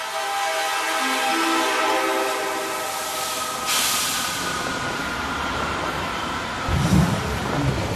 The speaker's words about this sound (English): The world's highest railway carries us onward. And at last, we reach Lhasa.